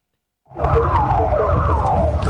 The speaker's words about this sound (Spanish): Las sirenas y Nelson.